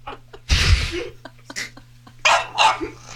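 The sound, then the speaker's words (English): A dog barks loudly, a handful of sharp, harsh barks in irregular bursts, with a faint steady hum underneath. “Is there anyone who could help your dog, sir?”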